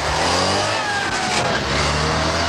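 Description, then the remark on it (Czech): A Trabant, a small two-stroke car, drives by, its buzzy, rattling engine loud and steady throughout, the engine pitch gliding downward as it passes. “rozzuřený vysavač neboli pryskyřičník prskavý nebo taky pádivý.”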